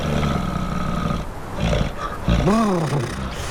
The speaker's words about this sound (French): On n'entend pas grand-chose à part les rafales d'un vent glacial et quelques vaguelettes de l'océan Atlantique. J'entends le souffle lourd et caverneux d'une très grosse bestiole qui résiste aux températures extrêmes du Grand Nord canadien.